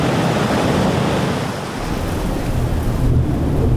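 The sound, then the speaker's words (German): Rough sea surf crashes and churns continuously while strong wind roars and buffets the microphone, a loud, dense wash of wild, metres-high waves and gusts with no voices. “Aber es braucht nur etwas starken Wind und zack sind die Wellen wild und Meter hoch.”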